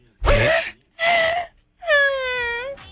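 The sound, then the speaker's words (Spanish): A puppy whimpers three times on its own, two short high-pitched cries followed by a longer, steady drawn-out whine, fairly loud and clear. “Es un perrito bebé. Empezó a hacer ruido.”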